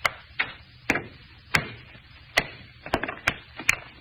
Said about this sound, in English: All I'm going to do is try and break it along this fissure. See, I got a hammer. Yeah. What if the stone break? Almost solid metal. I'll try.